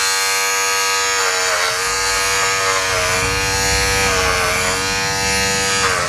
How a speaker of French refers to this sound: Un rasoir électrique. Bah ouais, carrément, c'est ça.